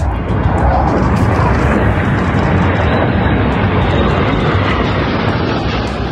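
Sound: F-35 fighter jets landing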